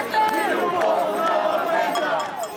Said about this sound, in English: Shaking keys to homes they say they can barely afford, residents say the stress of paying rent has become unbearable as the cost of living goes up.